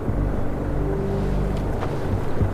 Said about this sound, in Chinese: 哎，来，你听见没？ 没有啊。 有啊。像汽车发动机的声音。